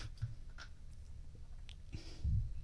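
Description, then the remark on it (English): Someone sips a thick vanilla blueberry and banana smoothie: soft mouth sounds, faint wet slurps and little clicks spread over a couple of seconds, with a low rumble near the end and no talking. “Sip. Let's do it.”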